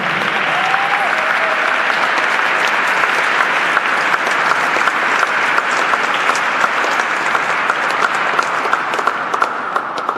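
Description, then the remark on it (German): Sustained audience applause at a U-Turn celebration in the Herz-Jesu parish in Graz, welcoming a priest, fills the whole stretch, a dense, steady wash of many hands clapping at an even loudness with no voices standing out. “Einen großen Applaus!”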